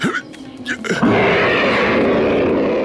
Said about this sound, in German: Und wieder brüllte der Panther durch den hohlen Baumstamm.